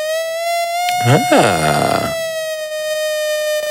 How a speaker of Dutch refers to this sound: Wat je net hoorde is een zaagtand.